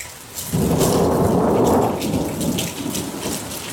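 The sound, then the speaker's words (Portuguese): A deep roll of thunder swells up after a brief lull and rumbles on over steady, heavy rain pattering down, with no voices present. “Olha só, olha trovoada, ó.”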